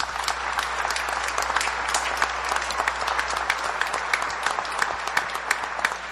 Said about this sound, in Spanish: Demos un aplauso a Jesucristo nuestro Señor.